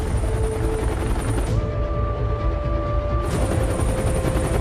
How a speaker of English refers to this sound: Oh, here comes the helicopter.